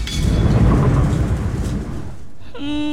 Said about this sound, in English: Oh, my Tuaran noodles! The rain made them all wet.